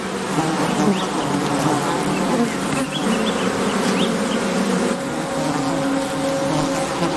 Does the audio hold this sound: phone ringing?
no